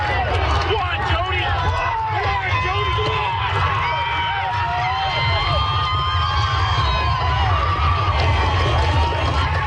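A large crowd cheers steadily at PEI's Gold Cup and Saucer harness race, held at night, a dense, loud wall of overlapping shouts and whoops that never lets up, with no hoofbeats standing out.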